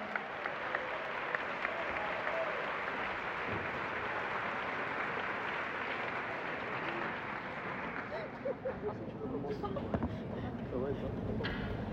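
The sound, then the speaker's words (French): Sustained applause from a large audience welcoming the speakers of the next panel, a dense wash of many hands clapping at once, steady and full for the whole stretch before thinning slightly toward the end. “Un tonnerre d'applaudissements pour eux, s'il vous plaît.”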